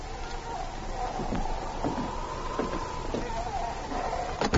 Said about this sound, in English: Then he knocked again. Finally, he opened the cabin door.